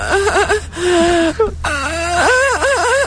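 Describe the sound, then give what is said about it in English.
A goat bleats several times in a row, loud, nasal cries with a quavering, wavering pitch that rises and dips, with a brief pause midway and no talking over it. “Oh, give me the goat. Do you have the goat?”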